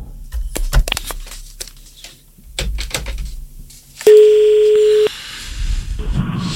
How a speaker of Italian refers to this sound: sto attendendo che si colleghi il telefono.